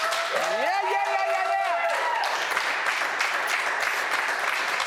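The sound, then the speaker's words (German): A crew claps and applauds a singer after her song, steadily for about five seconds, loud, dense and even, with a rising whoop and cheering voices over the first two seconds. “Aber vielleicht kann die Crew mal hier einen fetten Applaus geben.”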